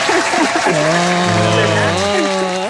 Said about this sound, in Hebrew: אני חושב שהן מגיעות פה מחיאות כפיים.